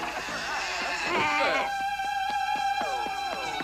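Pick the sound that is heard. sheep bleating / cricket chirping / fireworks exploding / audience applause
sheep bleating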